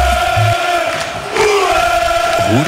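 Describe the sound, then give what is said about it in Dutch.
A crowd of Club Brugge football supporters, the champions of Belgium, chants loudly in unison in Bruges, many voices holding sustained sung notes, with a brief dip partway before the chant swells again. “De supporters van Club Brugge, of moet ik zeggen, de kampioenen van de Belgiek.”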